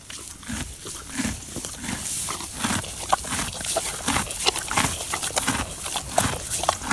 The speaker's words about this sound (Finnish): Eli kun heppa syö vaan niin kuin heinää.